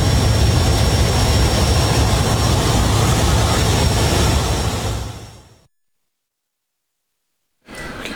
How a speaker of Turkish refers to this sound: Okyanusun fotoğrafını çekmek için büyük risk aldı. Kendini kemerle sabitledi ve uçağın kapısını açtı.